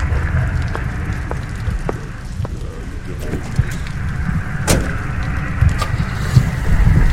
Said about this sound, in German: Langsam fährt Gorhams Wagen vom Hof und die grellen Scheinwerfer tauchen den Mann, der noch immer mit dem Umschlag in der Hand dasteht, in helles Licht.